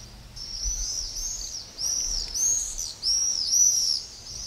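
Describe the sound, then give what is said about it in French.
Shrill, high-pitched screaming calls of common swifts (Apus apus) sound in repeated bursts, several birds overlapping as they pass, with a faint low rumble beneath and no voices. “Ils se distinguent aussi par leurs cris caractéristiques et leur vol groupé qui accompagnent nos soirées d'été.”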